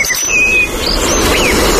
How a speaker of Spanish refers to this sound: Petirrojo europeo.